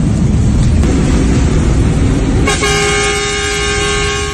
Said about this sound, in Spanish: Una bocina que hoy significa despedida. Un adiós en memoria de Luis Ángel Mateo, quien había sido camionero desde sus 18 años.